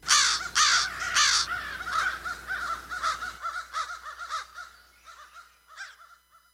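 Crows caw repeatedly in a rough, irregular series, loud harsh calls at first, then a steady run of softer, quicker caws fading slightly toward the end.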